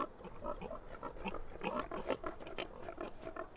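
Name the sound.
pigs grunting and oinking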